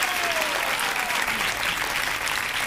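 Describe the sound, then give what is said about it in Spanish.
Steady audience applause for Sonny Carmona fills the whole stretch, a dense wash of many hands clapping at an even loudness, with no pauses and no voices standing out. “Sonny Carmona, fuerte el aplauso.”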